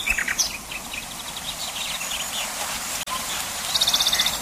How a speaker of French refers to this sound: Le rossignol est universellement réputé pour la perfection de son chant.